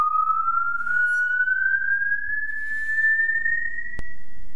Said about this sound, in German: Auch im Film wurde die Säge zuweilen als Ersatz für die Stimme eingesetzt.